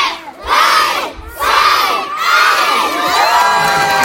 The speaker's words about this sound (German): Mit lautem, begeisterten Geschrei stürmte eine ganze Meute Kinder die neue Burg in Oberstdorf. Die Burg ist der neue inklusive Spielplatz im Kurpark, direkt neben der Grundschule, der von Bürgermeisterin Chantal Schubert feierlich eröffnet wurde.